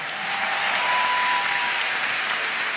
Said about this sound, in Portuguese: Muito bem, vamos aproveitar para pedir um forte aplauso para todos os vencedores esta noite. Parabéns a vocês.